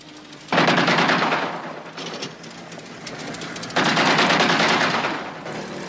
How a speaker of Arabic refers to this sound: ما هذا الذي يفعله؟ ربما رصاصات انذار سيدي.